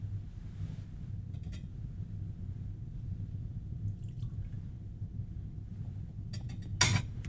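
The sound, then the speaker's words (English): Water trickles and drips faintly into a chalice of wine, ending with a brief clink over a steady low hum, as the water is mixed into the wine during offertory prayers. No one speaks. “By the mystery of this water, why may come to share in the divinity of Christ, who humbled himself to share in our humanity.”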